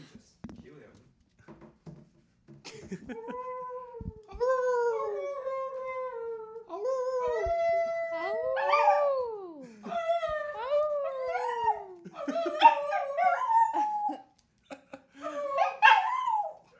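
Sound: dog howling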